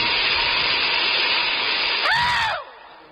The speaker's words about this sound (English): There should be a law against trains letting off steam when people are wearing kilts.